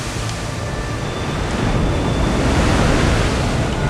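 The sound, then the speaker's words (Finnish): Wind rushes over open sea at night in a dense, steady roar mixed with breaking surf, gusting against a thin sheet sail and swelling slightly louder partway through as if a gust picks up, with no voices. “Tuuli yltyy riepottamaan lakanapurjettasi.”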